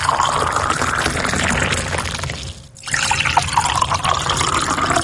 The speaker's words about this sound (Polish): Wleję teraz wodę do 2 kubków. Posłuchajcie. Do jednego wlewam wrzątek, do drugiego zimną wodę. Kolejność losowa.